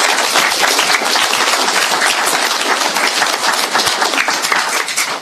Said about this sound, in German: Ich denke, wir dürfen einen Applaus geben.